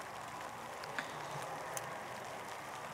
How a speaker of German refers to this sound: Also laut Regenradar haben wir jetzt noch so eine halbe Stunde so Nieselregen.